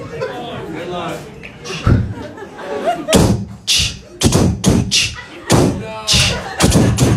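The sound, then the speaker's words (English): Someone beatboxes, mouthing loud punchy kick-like thumps and sharp hissing snares that start loosely and settle into a quick, steady rhythm, with no other talking over it. “Can anyone beatbox here?”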